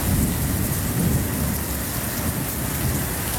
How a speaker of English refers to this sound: Remember those sounds? Top enders? Rain and wind. It was intense.